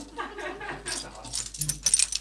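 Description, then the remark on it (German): A woman jangles her bunch of keys, a quick series of bright, irregular metallic clinks that grow busier toward the end, with a faint low murmur underneath. “sagt Barbara Bellini und klimpert mit ihrem Schlüsselbund”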